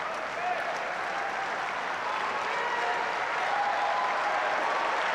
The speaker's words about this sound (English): Crowd urging him on.